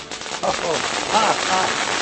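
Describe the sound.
A dense, steady crackling of firecrackers being lit and going off in rapid succession, filling the whole clip, with faint voices murmuring underneath.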